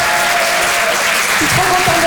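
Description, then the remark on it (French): An audience at the Apollo Théâtre in Paris claps loudly and steadily for a comedian, a dense wash of applause, with a few voices faintly mixed in beneath the clapping. “Applaudissez-le bien fort, les amis, du bruit pour lui.”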